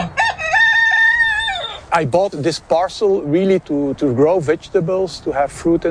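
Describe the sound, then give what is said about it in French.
A rooster in a garden crows once, loud, in a long sustained call lasting nearly two seconds. A person starts talking right after it ends. “Dans son jardin, un coq, quelques moutons, mais avec l'usine 3M à l'horizon”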